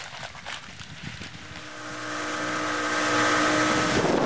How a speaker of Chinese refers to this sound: 搭乘快艇航程要2个小时，穿越亚蓬海峡，海豚也来作伴，但难免遇到波涛汹涌。